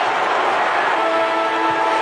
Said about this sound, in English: Time ticking down, 14 seconds. Forward they come to defend the Western Bulldogs. Players out. It won't matter. The siren sounds.